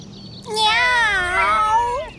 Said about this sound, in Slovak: Na lítkach ma čosi príjemne pošteklilo. Mačka? Áno, bola tam mačka. Hovoriaca.